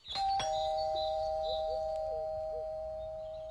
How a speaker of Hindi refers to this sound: अच्छा रुको मैं घंटी बजाता हूं।